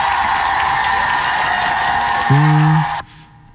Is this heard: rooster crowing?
no